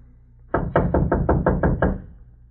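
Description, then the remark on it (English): Seven firm knocks on the wooden door of a shanty by the freight yards in a quick, even rhythm, fairly loud, with no voices, just a faint low hum before and after. “Go on, knock.”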